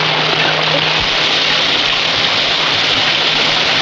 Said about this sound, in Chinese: 飞机场离这好几十里，天这么晚又是大风大雨，我回不来了。